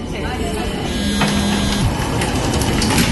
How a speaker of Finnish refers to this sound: IC-juna 25 kiihdytti.